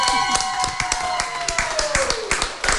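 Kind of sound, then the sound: crowd, applause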